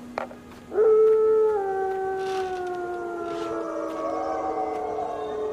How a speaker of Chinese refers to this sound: 喂，听见吗？那个头狼啊，要召唤他的同伴。